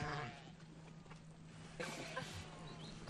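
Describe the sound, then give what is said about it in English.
Goats and sheep, livestock of nomadic herders in the highlands, bleat in a short burst of overlapping calls, a loud cry at the start and another cluster of bleats after a brief lull, set against a steady outdoor hum. “Goats and sheep are important livestock.”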